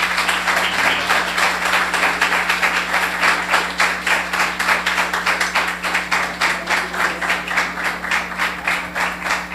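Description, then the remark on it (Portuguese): A crowd claps steadily and loudly for several seconds to welcome their pastor, the many hands forming a dense, rhythmic wash of applause with no talking over it. “Eu quero agradecer a minha oportunidade e quero que as palmas sejam bem fortes para nós receber o nosso pastor.”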